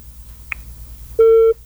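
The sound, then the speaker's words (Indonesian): A single steady telephone busy tone sounds for about a third of a second, loud and clear, after a faint click over a low background hum, as a phone call is cut off right after being answered. No one speaks. “Ya, giliran udah diangkat, malah dimatikan teleponnya.”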